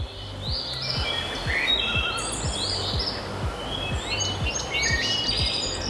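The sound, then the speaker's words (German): Several birds sing and chirp in overlapping phrases, bright, over a steady outdoor hush with a faint regular low ticking beneath; no one speaks. Birds in a dune woodland along a hiking trail, the dunes covered with trees and greenery. “Lass dir Zeit, pack das Handy in die Tasche und hör mal, Vögel und sonst nichts.”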